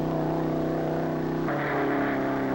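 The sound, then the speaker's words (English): A race car engine, Car 138C, roars at full speed through the timing traps, a loud, steady, buzzing drone whose pitch jumps higher partway through as the tachometer climbs from 5,900 to 6,500 revolutions per minute, and holds there; the car was clocked at 151.06 miles per hour. No voices are heard. “There's the first marker up ahead, and the tachometer says 5,900, 5,950, 6,000. He's in the trap now at 6,500.”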